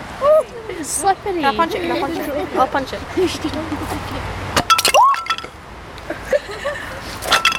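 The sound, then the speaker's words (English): Sharp taps and a brittle crack as a sheet of ice is struck and broken, a few glassy clinks following. Voices talk over the first part. “It sounds like you're tapping you glass. You want to tap it with different things?”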